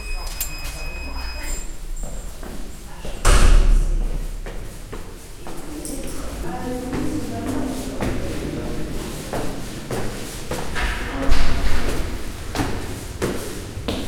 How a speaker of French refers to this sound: La porte est ouverte.